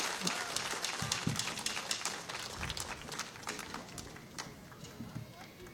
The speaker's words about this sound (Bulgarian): Това са Биг Бенда, изключителни хора. Още веднъж ръкопляскания за Биг Бенда! А, така.